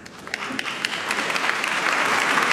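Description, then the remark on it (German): Steady rhythmic clapping starts off sparse, then swells as more hands join, becoming a dense, loud wash of crowd applause that still carries a beat. “Und er gilt als Erfinder des rhythmischen Beifalls zur Musik.”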